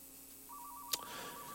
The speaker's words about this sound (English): I don't know why the sound for the phone is turned on. And I don't know how to turn it off, but I heard another DJ contending with that as well.